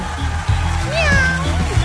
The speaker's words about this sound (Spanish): ¿Ya empezaron ya los gatitos? Esa gatita volverá.